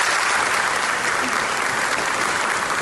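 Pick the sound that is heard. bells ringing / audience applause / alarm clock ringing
audience applause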